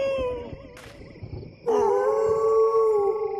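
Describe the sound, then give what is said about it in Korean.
Several animals howl together in long, sustained, wavering cries in response to a man's singing. A brief noisy burst comes partway through, then the chorus swells louder and holds steady to the end with no talking. “내가 노래만 하면 울부짖네.”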